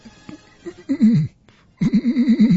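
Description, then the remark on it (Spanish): A person imitates a pigeon's cooing in two fairly loud bursts of low, warbling throaty notes, separated by a brief pause. “¿Es una paloma o es …? Es …. No es una paloma.”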